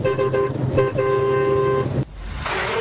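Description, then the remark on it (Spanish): A truck horn honks loud on Route 86: a few quick toots, then a long sustained blast that cuts off abruptly, leaving rumbling road noise and passing traffic. “Ahí va la bocina.”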